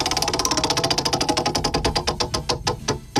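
A prize wheel spins with a rapid stream of sharp ratchet clicks that gradually slow and spread apart as it winds down, loud and alone with no talking.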